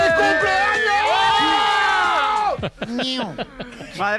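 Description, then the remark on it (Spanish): A group of friends and family at a birthday celebration shouting and cheering loudly together, voices overlapping in sustained high-pitched yells for a couple of seconds, then breaking into scattered excited shouts and laughter. “Por favor, no gritéis tanto que me estáis saturando el sonido.”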